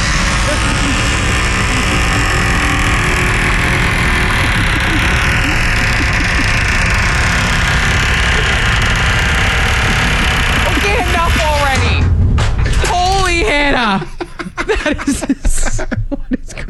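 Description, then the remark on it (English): A door being closed groans shut with a drawn-out, wavering creak that rises and bends in pitch, following a long stretch of steady rumbling noise; brief chuckling comes right after. “It is the perfect like door for a horror movie.”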